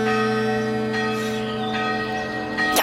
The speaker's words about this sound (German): Wie eben die erste Glocke, die man aus Metall gegossen und nicht mehr aus Blech zusammengenietet hat.